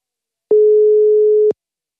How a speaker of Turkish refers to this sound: Birini arıyorum, çalacak mı inşallah? Bakayım. Çalıyor, tamam.